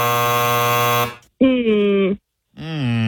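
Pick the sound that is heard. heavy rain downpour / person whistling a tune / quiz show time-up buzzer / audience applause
quiz show time-up buzzer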